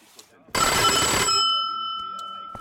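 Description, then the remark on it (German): A bright electronic doorbell rings once, a loud burst of ringing that cuts off and leaves sustained tones fading under low voices in the background. “Türklingel. Was auch sonst.”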